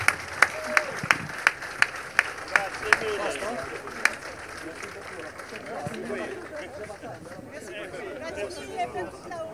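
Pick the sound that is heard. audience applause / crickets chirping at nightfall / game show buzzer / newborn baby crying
audience applause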